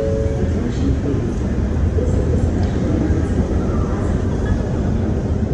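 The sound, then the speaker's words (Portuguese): A steady, loud rumble of a train fills Union Station in Washington, D.C., a busy railway station, with a constant low roar and faint murmuring voices in the background throughout. “E depois de 3 proveitosos dias, nós arrumamos as malas e partimos para a Union Station, a segunda estação de trem mais movimentada da América.”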